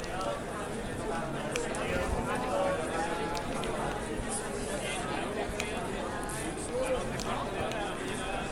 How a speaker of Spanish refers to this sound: Hemos escuchado el martillo del capataz para que se vuelva a elevar entre las callejuelas del barrio del Mentidero a la patrona del Mentidero, la Virgen del Carmen.